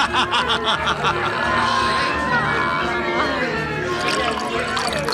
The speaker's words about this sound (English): Ah, you! Bring your pitcher here and pour the lady another drink. Several drinks!